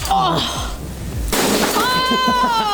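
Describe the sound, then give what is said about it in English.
A glass bottle, thrown like a baseball pitch, is smashed with a metal pipe in one loud crash midway through, with shattering debris and excited voices talking and calling out around it. “There's one bit of it where she starts throwing bottles to me like we're playing baseball and then I'm smashing the bottles with a metal pipe.”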